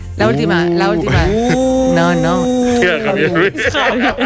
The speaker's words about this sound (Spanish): El burro estaba ralentizado porque descubrió que el sonido de un burro pues tenía varias tonalidades y al ralentizarlo pues consiguió ese sonido.